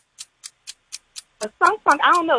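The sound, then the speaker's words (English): A game show countdown clock ticks in a steady, quick rhythm, about four ticks a second, timing a round of quiz questions. After six crisp ticks, a person starts talking loudly over the ticking. “Start the clock.”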